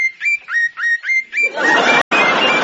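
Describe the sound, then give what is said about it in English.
Birds singing on a sunny day under a blue sky: five quick rising whistled chirps in a steady rhythm, then a denser, louder chorus of birdsong over a rushing background, briefly cut by a short dropout. “The sky was blue. The sun was out. The birds were singing.”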